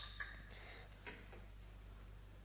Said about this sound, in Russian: По знаку Веры Алексеевны Игнатов подает Макарову на подносе бокал шампанского.